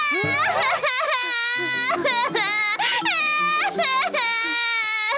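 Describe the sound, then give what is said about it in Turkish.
A sick, feverish baby cries loudly, a string of high, wavering wails with brief catches of breath between them, carrying on without pause for about five seconds. “Bebeğim! Neyin var kardeşim? Yetişin komşular! Bebeğim hasta! Ateşler içinde!”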